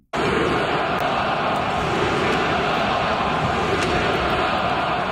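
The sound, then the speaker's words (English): A large hockey arena crowd at the Bell Centre in Montreal chants "shoot the puck" at the Habs during an Eastern Conference Final game against the Canes, in a loud, steady roar, rhythmic voices blending into a dense wall of sound that holds without pause for several seconds. “They're actually saying shoot the puck as the Habs continue to get outshot by the Canes in this series.”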